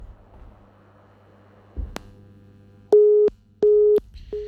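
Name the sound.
telephone busy tone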